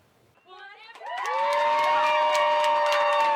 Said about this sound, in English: These young golf fans are cheering on Brooke Henderson as she walks down the fairway at the CPKC Women's Open. This is the Brooke Brigade Junior Viewing Zone located at the Royal Mayfair's second green, a dedicated area that gives fans an